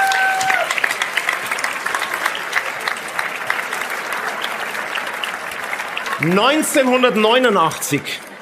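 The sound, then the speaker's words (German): An audience in Rust claps steadily for several seconds in a dense, sustained burst of applause, then a voice begins speaking over the fading clapping near the end. “Also, ein Applaus vielleicht von unserem Publikum hier aus Rust.”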